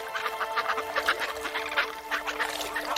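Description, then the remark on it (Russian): A dense chorus of gull calls from a huge flock of hundreds of birds passing overhead at Manych, many overlapping cries in continuous bursts, fairly loud. “Потом в воздух прорезают громкие голоса чаек. А через несколько секунд над головой проходит огромная стая.”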